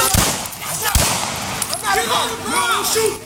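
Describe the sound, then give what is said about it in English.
Two loud, sharp gunshots crack in quick succession as police officers fire at a rampaging, biting dog on Warwick Street, recorded on police body camera footage, followed by agitated shouting voices over a noisy, chaotic background. “On the video, several officers can be seen trying to control the dog, and shots can be heard.”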